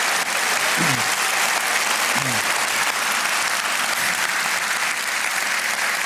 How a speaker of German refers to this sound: Aber ich meine, das Orchester klingt fantastisch. Nochmal einen Riesenapplaus fürs Gürzenich-Orchester. Dankeschön.